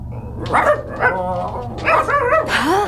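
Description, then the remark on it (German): A dog barks five or six times in quick, uneven bursts, some sharp and yelping, loud over a steady low background hum. “Gibt's hier Hunde?”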